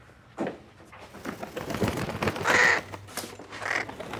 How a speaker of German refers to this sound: Was war das? Ich hab einen Frosch im Hals. Das ist doch eine Krähe drin!